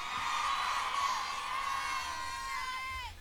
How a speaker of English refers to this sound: Somebody booed marriage.